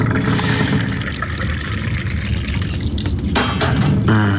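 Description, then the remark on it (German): Tea is poured steadily into a cup, a continuous splashing trickle. It rises in pitch as the cup fills and tapers off at the end, with no voices. “So, noch eine letzte Tasse Tee.”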